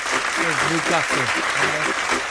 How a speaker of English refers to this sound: Applause for Coventry then for winning their first game against Newcastle.